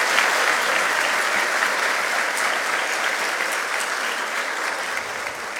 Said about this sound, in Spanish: Pido fuertes aplausos para ella. Y felicitaciones también, por supuesto, a todos nuestros galardonados. Fuertes los aplausos para todos ustedes.